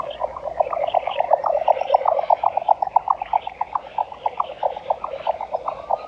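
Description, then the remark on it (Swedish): A jack snipe calls with a rapid, rhythmic series of hollow knocking pulses, like galloping hooves, repeating steadily throughout at moderate volume over faint background noise, heard during a birdsong night event. “Och jag vill lyfta några sådana exklusiviteter nu från förra lördagen. En sådan var dvärgbeckasinen.”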